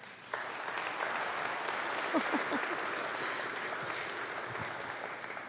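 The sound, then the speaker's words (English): An audience breaks into sustained applause to greet the newest member of the family of God, a dense, even wash of many hands clapping that starts abruptly and holds steady at a moderate level for several seconds. “greet the newest member of the family of God with our applause.”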